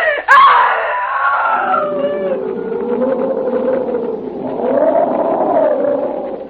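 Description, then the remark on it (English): A woman screams loudly at night, a piercing cry that starts abruptly high, slides downward, and holds as a long, wavering wail for several seconds. “That was the night, John, that I screamed.”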